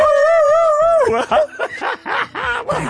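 A dog lets out a drawn-out howl, then breaks into a quick series of sharp, rising-and-falling yelps, loud and close, with no one talking.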